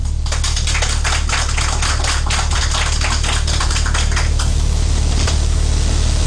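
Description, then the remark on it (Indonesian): Dense, rapid claps blur into steady audience applause for the head of LPP RRI Palangkaraya at the Bintang Radio event, carrying for about four seconds, then thinning out and fading. No one speaks. “Sekali lagi berikan tepuk tangan untuk Kepala LPPRI Palangkaraya yang luar biasa sekali.”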